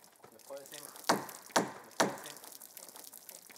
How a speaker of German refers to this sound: Ich lasse Wasser über diese Planke aus Zedernholz laufen, weil man sie weich machen muss, damit sie sich gut biegen lässt und nicht verzieht.